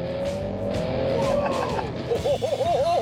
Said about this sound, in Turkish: Bunu duydun mu? Biraz farklı bir araba. 5 silindir. 5 silindirli motorun sesi.